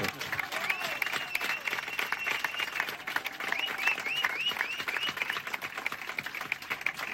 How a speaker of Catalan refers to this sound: Els hi volem agrair i si volem, un aplaudiment molt fort per tots els col·laboradors que han tingut.